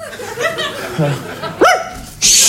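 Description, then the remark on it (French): A dog named Bédo gives a few short, sharp barks and yelps, with the loudest bark near the end followed by a brief burst of hissing noise. “Viens ici, au pied le chien.”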